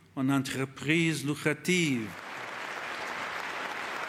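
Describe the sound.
A voice rings out for a couple of seconds, then steady crowd applause for the Pope at UNESCO takes over, a dense, even wash of clapping that holds at a moderate level until the end.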